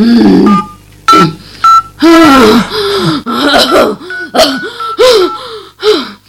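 Three short, clear beeps of a phone being dialed to call a doctor for an ambulance, spaced about half a second apart. Loud, strained gasping and moaning breaths of a woman who has fallen ill and vomited then take over and continue to the end.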